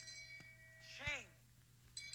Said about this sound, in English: That's my shame bell on my phone. Can you turn it up? You can barely hear it.